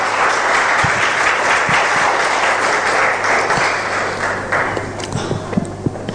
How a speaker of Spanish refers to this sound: Amén y amén. Dele un fuerte aplauso al Rey de Reyes y Señor de Señores.